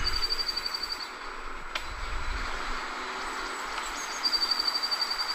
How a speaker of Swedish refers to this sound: Det känns mer som att man hör kvittret i bakgrunden. Men... det känns som att den är arg.